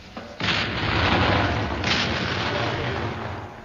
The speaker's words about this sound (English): And there you hear the 74th Medium Regiment RA firing over open sights smack into the pudding itself. Tell me, Major, what are they firing? Threepenny bits.